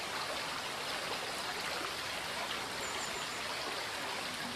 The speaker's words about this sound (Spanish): El Arazas se descuelga aquí en una serie de escalones que ofrecen el soberbio espectáculo de sus ruidosas aguas modelando la roca calcárea que le sirve de cauce. En este lugar se abre el circo de Soaso.